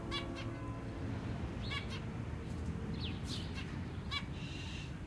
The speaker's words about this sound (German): Im Sommer kaufte er mir ein Zebrafinkenpärchen. Den Käfig hingen wir im Hinterhof an dem Balkon, wo die Vögel mit den anderen Käfigbewohnern der Nachbarn kommunizierten. Wir stehen auf dem Balkon und hören ihrem munteren Gezwitscher zu.